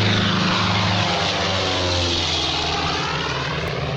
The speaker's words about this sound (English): plane to Lisbon.